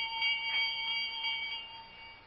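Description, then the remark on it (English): A small bell rings continuously with a thin, steady metallic tone that swells slightly now and then, heard quietly and on its own with no voices. “I'm trying to see where that bell came from.”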